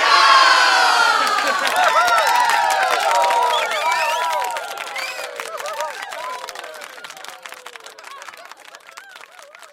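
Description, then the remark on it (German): A whole town's crowd cheers and shouts in a dense, continuous roar, with rising and falling voices and scattered clapping, loudest at first and gradually thinning out toward the end. “Die ganze Stadt hat gejubelt.”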